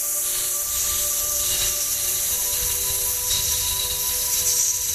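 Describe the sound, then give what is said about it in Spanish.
A long, steady exhale during a breathing exercise, pushed out as a continuous airy hiss, like a slowly deflating balloon, holding an even level for several seconds with no talking over it. “Como si fueras un globito desinflándote.”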